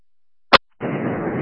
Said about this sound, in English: Fireworks is probably going off in the backyard.